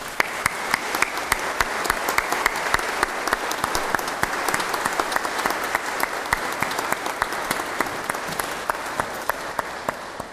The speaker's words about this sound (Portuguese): Quero, em nome da paróquia da Sé, agradecer-lhe tantos domingos a tocar aqui na Igreja da Sé, e para ela muitas felicidades e uma grande salva de palmas.